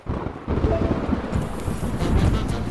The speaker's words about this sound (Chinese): 真倒霉，刚上高速的时候还是晴天的，怎么就突然开始打雷下雨了？